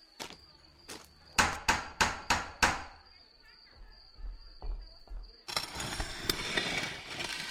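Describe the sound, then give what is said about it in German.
Knocking with a door knocker on the door of the Union of Fearless Heroes guild in Kohlmuff: two spaced strikes, then five loud, sharp, evenly paced knocks, over a steady high-pitched insect-like whine, followed by low thuds and a burst of broad noise. “Lass das Gewimmere, Weib, und klopf endlich an.”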